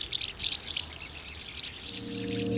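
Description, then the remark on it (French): Swallow calls: a quick run of four bright, high twittering bursts, then softer scattered chirps, with a low steady hum coming in toward the end. “Écoutez plutôt. Martinet. Hirondelle.”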